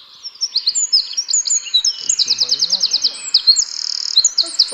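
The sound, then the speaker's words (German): A loud, rapid bird song of high trills and sharp chattering notes pours out nonstop, a Eurasian wren singing with fast repeated phrases and rattling runs. A faint low voice murmurs briefly underneath. “Genau, so singt der Zaunkönig.”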